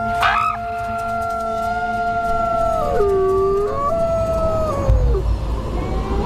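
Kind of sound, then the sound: animal, wolf pack howling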